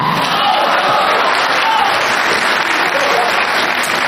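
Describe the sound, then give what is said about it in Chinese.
Loud, steady applause from an audience applauding and calling out approval to performers, a dense wash of clapping with cheers and shouts mixed in, holding at an even level throughout. “哎，大家鼓掌来到叫啊，叫啊！”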